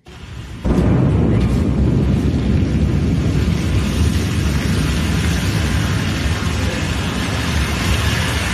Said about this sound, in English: A Blue Origin rocket has exploded in a fireball during a late-night US launch pad test, shaking nearby homes. Here's the moment recorded by a nearby witness.